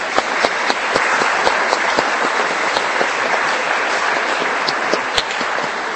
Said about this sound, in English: And let us give them a big round of applause to all the moms.